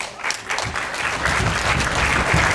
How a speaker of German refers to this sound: Aber erstmal soll dem Filmteam ganz viel Applaus geschenkt werden.